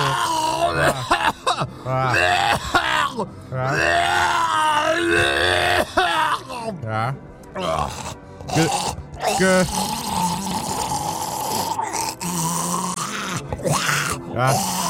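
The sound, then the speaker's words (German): A drawn-out fit of harsh sneezes or coughs, loud, with sharp bursts repeating over the stretch and strained, groaning vocal noises between them. “Gesundheit, …, ne?”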